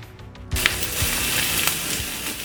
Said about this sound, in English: We might not be hearing the sizzle of the grill as much as we're used to this summer.